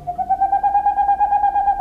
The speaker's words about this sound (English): In the darkness of a northern forest, the hooting of a boreal owl. This is the male owl's song. These staccato notes can continue for more than an hour and carry for more than a mile.